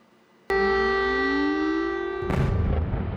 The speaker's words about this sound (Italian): È una notte di fuoco quella di Kiev, forse una delle peggiori dall'inizio della guerra. Le esplosioni scuotono la città intera, attacchi letali, quelli condotti da Mosca, con missili da crociera e droni, decine di edifici residenziali colpiti